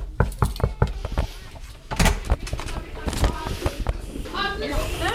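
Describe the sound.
A quick series of sharp knocks on the door of class 3B at Lærvik school, five or six raps in a row, followed by the door opening and a murmur of voices and children chattering in the classroom.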